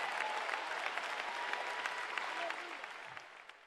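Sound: audience applauding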